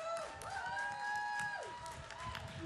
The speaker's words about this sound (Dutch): Dus ik wil eigenlijk ook wel even een applaus voor de organisatie.